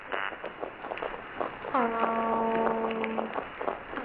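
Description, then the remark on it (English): A toadfish's boat-whistle or foghorn call: one sustained, low, buzzy harmonic tone lasting about a second and a half, rising out of a constant crackly, hissing background with scattered faint clicks. “They make a variety of sounds, but one of their most well-known is known as the boat whistle or the foghorn.”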